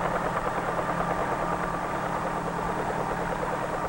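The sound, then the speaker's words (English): A helicopter's rotor beats in a steady, rapid chop over a constant engine roar, fairly loud, holding even as if hovering, with no voices. “When the blades move fast enough, they provide the lift necessary to raise the helicopter off the ground and permit it to hover.”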